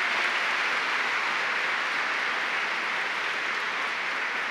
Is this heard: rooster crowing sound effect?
no